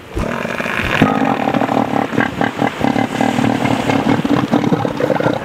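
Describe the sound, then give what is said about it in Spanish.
A southern elephant seal gives a loud, sustained bellowing roar, deep and guttural with a rapid pulsing rattle, lasting several seconds with no talking. “Aunque pasan mucho tiempo en el agua, por lo que podrían perder su título en favor del elefante marino del sur.”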